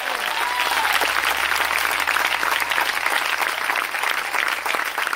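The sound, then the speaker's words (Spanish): An audience claps loudly and steadily for several seconds during a pastor's sermon, a dense wash of many hands with no speech over it, ending as abruptly as it held. “Aleluya, dale fuerte ese aplauso hacia para él.”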